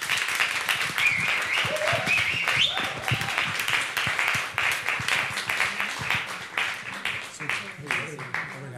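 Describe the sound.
An audience applauds steadily, with dense, crackling claps sustained at a fairly loud level throughout. A few brief voices and a short whoop rise above the clapping early on.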